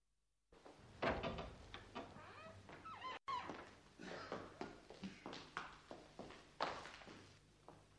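An unlocked door creaks open, followed by a steady series of footsteps walking in across a hard floor, each step distinct.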